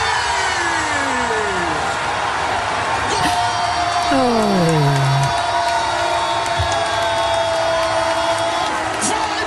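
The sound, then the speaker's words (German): A dense, steady roar of Brazil football fans at a public viewing, cheering and whooping during Brazil's World Cup group match against Haiti, with sliding horn-like tones and a low engine rumble running underneath throughout. “Und diese Nacht sind sie aber aus dem Jubeln nicht mehr rausgekommen.”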